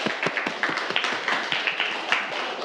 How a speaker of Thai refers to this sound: ปรบมือให้เพื่อนด้วยครับนักเรียน